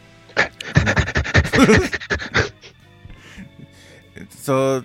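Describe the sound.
A person imitates a sniffing dog, a mascot on Nocne Radio, making rapid, rhythmic sniffing and panting bursts, followed by quieter breathy sounds and a short nasal whine at the end.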